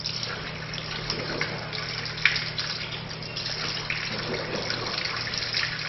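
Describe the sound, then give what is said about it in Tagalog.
Steady running water from a tap, with soft splashing and shifting flow as both hands are rinsed up to the wrists three times, right hand before left, continuous throughout. “Hugasan ang dalawang kamay hanggang pulso ng 3 beses.”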